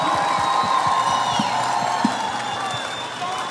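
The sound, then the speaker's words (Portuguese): A crowd applauds and cheers loudly for the host's invited guests, with dense clapping, whoops and whistles filling the space at a steady level throughout. “Aplausos para os meus convidados, por favor.”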